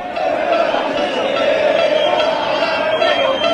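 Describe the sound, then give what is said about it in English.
A large crowd of Argentine and American fans at a World Cup game in Dallas, Texas chants a name together in a loud, sustained roar of many voices, holding a steady pitched tone throughout with little break in rhythm. “Now imagine you're in this crowd, and it's your name being chanted.”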